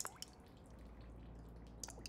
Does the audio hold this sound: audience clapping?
no